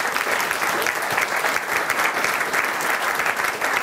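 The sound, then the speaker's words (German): An audience claps steadily to welcome a guest, a dense, continuous patter of many hands at a fairly loud, even level throughout, with no voices heard over it. “Ein Applaus bitte.”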